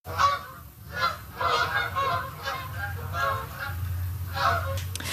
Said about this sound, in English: That is a familiar sound this time of year. Canada geese making their way south for the winter. Between mid-August and November, millions of birds migrate through southwestern Ontario.